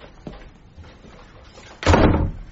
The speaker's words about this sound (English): Close the door, will you